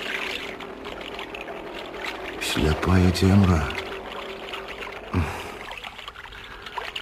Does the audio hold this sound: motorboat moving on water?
yes